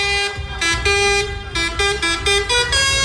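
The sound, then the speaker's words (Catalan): Dozens of tractor horns blare at a farmers' protest in Lleida against the crisis in Catalan farming, in overlapping, sustained honks of different pitches, loud and continuous, with a rumbling engine drone underneath and no voices. “Desenes de tractors es mobilitzen avui a Lleida per demanar mesures contra la crisi al camp català.”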